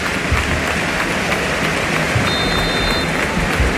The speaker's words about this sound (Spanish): Pues ahí está el videomarcador, ahora escuchen, aparece Jarque, aparece Puerta. Defiende. Los aplausos también.